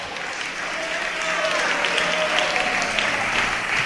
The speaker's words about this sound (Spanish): ¿Alguien puede darle un buen aplauso al Señor?